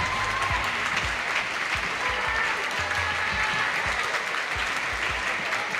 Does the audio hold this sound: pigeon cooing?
no